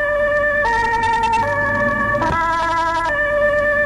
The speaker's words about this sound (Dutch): Een ambulance in de achteruitkijkspiegel.